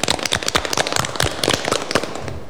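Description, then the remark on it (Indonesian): Scouts from SDN Cermono 1 clap together in a dense, steady burst of applause at the Gema Pramuka Penggalang programme on RRI Madiun radio, many sharp overlapping claps keeping an even loudness for a couple of seconds, with no voices over it. “Tepuk tangan dulu untuk kita semua.”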